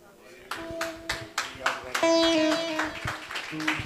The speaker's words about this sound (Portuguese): Aleluia, aplauda forte o nome de Jesus.